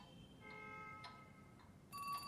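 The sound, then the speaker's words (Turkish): A telephone rings with a steady electronic tone, faint at first, then a brighter, harsher burst of ringing swells louder at the end. No one speaks. “Telefon çalıyor.”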